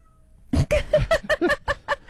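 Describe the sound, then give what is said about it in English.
A cat named Shadow meows insistently in a quick series of about eight short, loud, rising calls, with no talking over them. “Shadow my cat agrees. I don't know if you heard her.”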